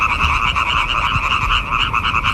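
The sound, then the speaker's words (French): A dense chorus of tree frogs, small green frogs that live mostly in trees, calls nonstop at night, their rapid, rattling croaks overlapping into a loud, pulsing wall of sound with no one speaking. “Ce chant, c'est celui d'une petite grenouille verte qu'on appelle la rainette.”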